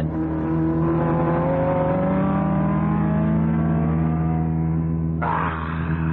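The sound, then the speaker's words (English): A race car engine roars loudly and steadily, its whine climbing in pitch as it accelerates, with a sudden harsher burst of engine noise near the end. No one speaks. “He's going to pass you. Impossible. Not only possible, but there he goes.”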